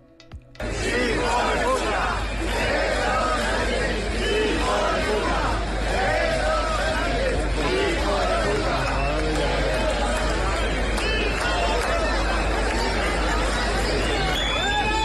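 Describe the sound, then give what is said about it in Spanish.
A large, loud crowd near Plaza Neptuno jeers and shouts continuously shortly before 11 a.m. local time as a political leader arrives, with booing, whistles, angry yelling and insults blending into a dense roar that starts abruptly and never lets up. “Hubo silbatina, abucheos, insultos generalizados, y eso ocurrió minutos antes de las 11 de la mañana, hora local, en inmediaciones de la Plaza Neptuno.”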